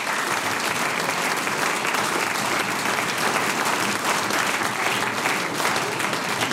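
Sustained audience applause, a dense steady wash of many hands clapping, holding at an even loudness throughout without voices breaking through.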